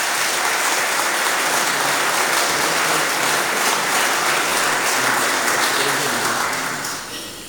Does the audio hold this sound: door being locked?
no